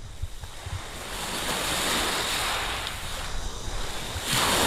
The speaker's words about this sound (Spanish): Para la despedida, este sonido no está ni mucho menos enlatado. Es el sonido de las olas de Playa de Poniente, en Motril.